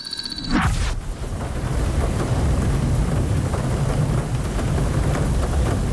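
Steady, heavy rain hisses continuously while a deep thunder rumble rolls underneath, holding a fairly loud, even level throughout with no voices.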